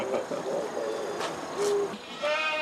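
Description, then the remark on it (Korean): Free-roaming goats kept by a family member bleat several times in short, wavering calls over a steady outdoor background hiss with no talking. “천방지축 자유롭게 뛰노는 염소들은 군자씨 오빠가 키우는 염소들.”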